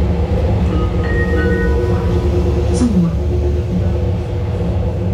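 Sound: train arriving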